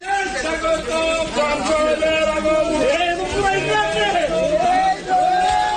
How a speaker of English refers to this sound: Well, crowds cheered, as you can hear there, after it was handed over to a customer who'd booked it weeks in advance to be sacrificed this week.